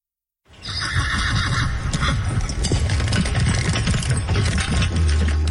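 A horse neighs loudly while hooves clip-clop steadily underneath, the sound starting abruptly and staying full and busy throughout, with no one speaking.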